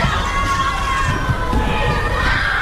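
Children playing outdoors, their shouts and chatter blending into a dense, steady babble with no single voice standing out, holding an even loudness throughout.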